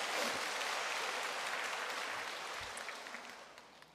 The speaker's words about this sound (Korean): 여러분, 하나님 놀랍지 않으세요? 그래서 제가, 네, 우리 하나님께 그런 박수 한번 치고 와야죠.